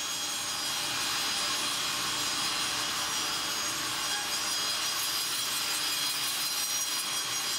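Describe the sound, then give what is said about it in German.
A loud, steady sawmill saw in Kritzmo grinds through wood without pause, its harsh, buzzing rasp with no voices over it. “Schmeiß die Säge an.”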